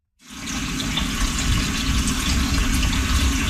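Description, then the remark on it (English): Water runs steadily from a tap into a cooking pot, filling it about three quarters full to be boiled with a pinch of salt, a continuous splashing rush that starts abruptly and holds an even level throughout, with no voices. “First thing of all, we're going to boil the water 3/4 of a way with a little pinch of salt on high until it boils, okay?”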